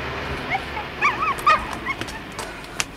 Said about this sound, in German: Oh, du ein kleiner Hund. Ach, den hat der Idiot überfahren. Die linke Hinterpfote. Der muss zum Arzt.